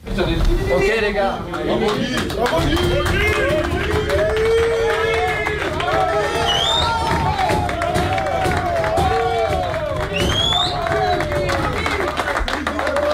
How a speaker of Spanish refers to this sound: esta ovación cerrada de los futbolistas en el vestuario